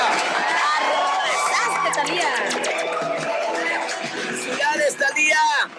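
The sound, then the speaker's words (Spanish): An audience cheers and shouts steadily for about six seconds after a contestant's correct quiz answer, with many overlapping excited voices and whoops over a dense wash of applause-like noise, rising in a final burst of yells. “¡Aplausos enorme!”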